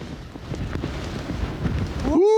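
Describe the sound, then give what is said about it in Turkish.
Strong wind blowing at about 80 km/h on a small bridge overlooking a lake and valley during a reindeer hunt roars and buffets in a steady, rumbling rush, ending with a brief rising tonal whine as the gust pushes harder. “Rüzgar dürbünü etkiliyor. 80 kilometre hızla esiyor ve belli ki bu havada atış yapılmaz.”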